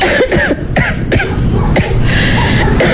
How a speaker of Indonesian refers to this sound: Oh, biasalah tu orang tua batuk-batuk sedikit tu perkara biasa batu.